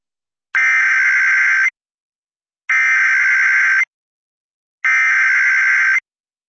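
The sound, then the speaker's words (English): An emergency alert test tone for a local area emergency test covering Pitkin, Eagle and Garfield counties: three loud, harsh buzzing bursts, each about a second long, evenly spaced with silent gaps between them and no voices. “The civil authorities have issued a local area emergency for Pitkin CO, Eagle CO, and Garfield CO, beginning at 9.03 a.m.”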